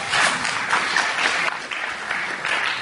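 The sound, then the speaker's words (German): Steady applause from a crowd at a meeting as the results of a board election are read out, a dense wash of many hands clapping at an even level throughout, with no voices rising above it. “Applaus.”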